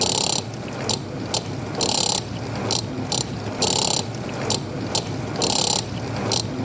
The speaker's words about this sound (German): Jetzt versuche ich erstmal mit dem Mixer den Rhythmus von der Spülmaschine mitzuspielen.